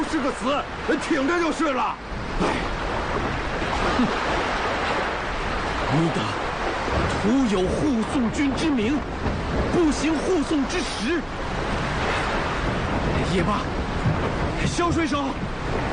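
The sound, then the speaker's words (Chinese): A stormy sea roars steadily with crashing waves and gusting wind around a drifting sailing ship with no land in sight, a loud, dense wash of noise lasting the whole time, while voices talk intermittently over it. “风浪中根本看不到陆地，前途无望，生死茫茫”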